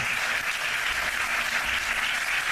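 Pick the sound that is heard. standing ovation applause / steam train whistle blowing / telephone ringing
standing ovation applause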